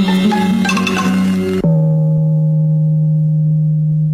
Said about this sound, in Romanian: Cunoști ceva mai insuportabil ca un gong? Două gonguri. Stimați ascultători, a fost ora 2.